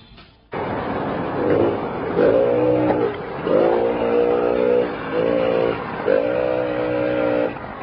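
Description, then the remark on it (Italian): A small Benelli S50 moped engine idles, then revs up four times in quick bursts, its buzzing pitch climbing and dropping between each throttle blip. No one speaks. “Nel Benelli S50.”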